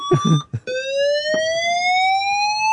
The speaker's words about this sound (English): we can exclusively reveal, can't we, Simon, that the fire alarms work in the new premises